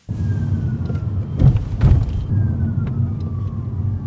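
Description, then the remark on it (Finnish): A thin electric whine from a fully electric Citroen EC3 recovering energy as the foot lifts off the accelerator glides slowly downward in pitch, sounding twice like a distant siren over a steady low rumble of road noise inside the moving car, with a couple of soft thumps. “Etäältä lähestyvän hälytysajoneuvon sireeniä muistuttavat vinkaukset kuuluvat, kun jalan nostaa kaasupolkimelta.”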